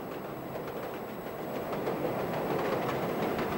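The Russian tsar's steam train rolls along the rails with a steady, dense rumble and faint rhythmic clatter, growing slightly louder partway through, with no voices.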